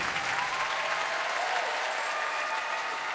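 Sustained, dense applause from a large audience fills the whole stretch, a steady wash of many hands clapping at once with no single claps standing out and no voices.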